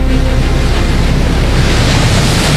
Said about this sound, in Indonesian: Kak, kenapa tiba-tiba angin kencang sekali ini?